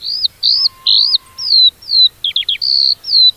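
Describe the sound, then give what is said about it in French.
A skylark sings a bright, continuous stream of high chirps and quick trills, clear, with brief pauses between phrases and no voices. “elle ressentait en silence, la petite alouette l'exprimait parfaitement par ses chansons joyeuses.”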